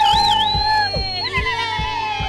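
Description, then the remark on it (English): A studio crowd cheers loudly with sustained whooping and whistling voices gliding up and down, over a steady thumping beat that repeats about every half second. “The studio crowd was even at the wedding.”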